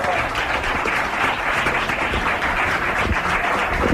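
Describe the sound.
Steady, dense applause from an audience, many hands clapping continuously at an even loudness for several seconds, with faint voices mixed into the crowd noise.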